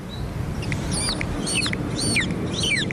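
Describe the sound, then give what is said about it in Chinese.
A voice imitates a baby chick, giving about six high, thin peeps in a steady, quick rhythm, each sliding up and down, clear over a low background hum. “你比如说小鸡崽是这么叫。”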